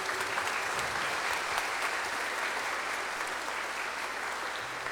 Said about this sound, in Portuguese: Vamos ficar em pé, uma salva de palmas às irmãs, mais uma vez.